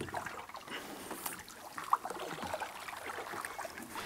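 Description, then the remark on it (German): Water trickles and laps steadily in the Küstriner Bach, a brook in Germany, a soft continuous gurgle with occasional small splashes, like a paddle dipping while boating, with no voices. “Wir sind unterwegs auf dem Küstriner Bach.”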